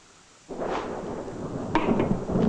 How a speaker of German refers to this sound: Schon wieder ein Gewitter. Sind Sie ängstlich vor Gewitter?